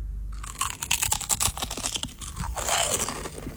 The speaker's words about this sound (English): I can crunch one of the chips if that would help. Crunch one. Okay, all right. No pressure. I'm gonna bite the chip. Bite into the chip.